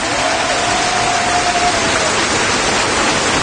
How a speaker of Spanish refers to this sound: Dale un fuerte aplauso, Señor.